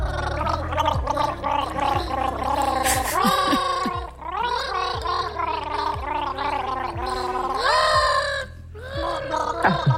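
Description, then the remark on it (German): Children gargle a famous bee song together for a quiz game, their bubbling, warbling voices rising and falling in pitch through a continuous, loud melody with a steady rhythmic pulse. “Sie singen ihn aber nicht, sie gurgeln ihn.”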